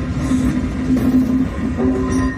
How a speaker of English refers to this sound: Well, they look like a train and sound like a train.